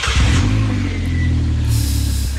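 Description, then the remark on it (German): A loud motorcycle engine revs steadily with a deep, throbbing low rumble and harmonic whine that rises then settles, continuous for a couple of seconds with no talking. “Mama sagt, ich darf keinen Motorradführerschein machen, weil das sehr gefährlich ist, Motorrad zu fahren. Dabei ist das Geräusch schon gut, ne?”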